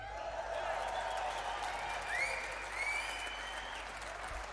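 Steady applause from an audience fills the whole stretch, a dense wash of clapping with a few whoops or whistles rising through it.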